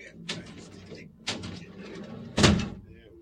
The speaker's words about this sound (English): I'm going to incarcerate myself right now. All right. There we go. Big ass door.